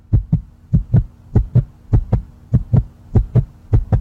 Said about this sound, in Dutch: Je hebt dan iets gemaakt, je hebt ingeleverd, je hartslag gaat 180 omhoog.